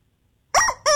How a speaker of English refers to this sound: Fridays at lunch, it's Dylan's Chicken Challenge from the only station in the nation giving you squeaky chickens. KZ106.